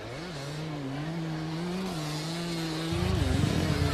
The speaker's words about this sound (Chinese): 编组完成之后，乘摩托车出发。